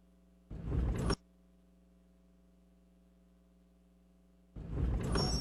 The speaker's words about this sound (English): Grinding and squealing. What are you going to do about that? Time for new brakes.